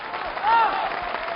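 An audience at the 1993 Spring Festival Gala applauds as the live auction begins, in a steady, dense wash of clapping that runs the whole moment, with a brief rising-and-falling whistle-like tone cutting through partway.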